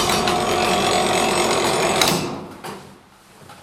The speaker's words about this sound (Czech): Tak ten zvuk, který se slyšel, tak to by nám teďka odbilo vlastně čtvrt nebo půl nebo tři čtvrtě.